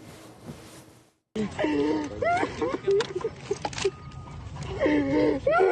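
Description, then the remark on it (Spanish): A man rescued from under rubble after about 30 hours, following a disaster, breathes heavily and laboriously, with strained gasps and groaning moans over a noisy, busy background after a brief silence near the start. “Controla tu respiración”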